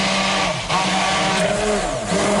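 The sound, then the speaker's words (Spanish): An electric blender grinds peeled almonds, soaked and drained bread, a garlic clove and very cold water into a paste, its motor roaring loud with a steady whir that dips and shifts pitch as the thick mixture churns, with no talking. “Y trituramos, como estamos escuchando, hasta que nos quede una pasta y con la batidora en marcha vamos a ir añadiendo el aceite poco a poco para que vaya emulsionando, como si hiciésemos más o menos una mayonesa.”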